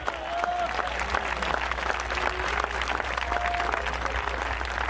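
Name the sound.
audience applause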